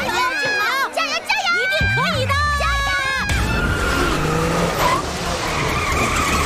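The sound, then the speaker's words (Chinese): A race car's tires, pushed near their limit during a hard chase in a race with 11 laps left, skid with loud, wavering high-pitched squeals that sweep up and down for about three seconds, then give way to a steady, harsh roar of engine and road noise. “选手的赛车出现了异况，看来在激烈追赶之下，他的轮胎已逼近极限。”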